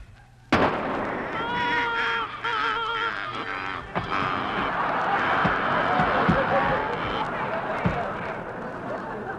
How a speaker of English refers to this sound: Oh, my goodness. Jeepers, he shot a flock of ducks.